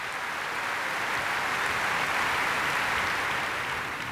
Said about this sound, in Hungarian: Azért elmond, hogy kik is ezek a tehetséges emberek, a BBC szimfonikus zenekara. És most fel is állt a zenekar, és őket tapsolja ez a lelkes közönség.